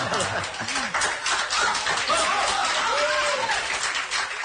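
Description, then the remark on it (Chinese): Sustained audience applause at a Chinese crosstalk (xiangsheng) performance fills the whole stretch, a dense, steady wash of many hands clapping, with a few voices calling out over it partway through. “给你鼓掌 啊， 给你鼓掌。”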